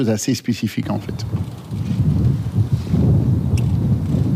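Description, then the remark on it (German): Loud, steady wind roars and buffets across the microphone on a former Formula 1 race circuit near Solda, about 45 kilometres west of Maastricht, a dense low rumble filling the scene, with a brief burst of a voice at the start. “Der Wind bläst heftig auf dem früheren Formel-1-Rennkurs bei Solda, das gut 45 Kilometer westlich von Maastricht entfernt liegt.”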